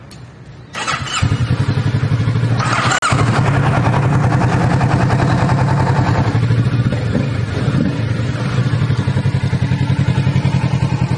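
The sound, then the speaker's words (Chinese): A motorcycle engine is started with the key: it cranks and catches after a brief quiet moment, then settles into a loud, steady idle with a rapid, even throbbing pulse that runs to the end without any talking. “给我们来开锁匙，我们 start 一下了哈。”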